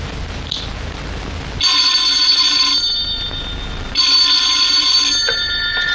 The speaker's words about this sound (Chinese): 电话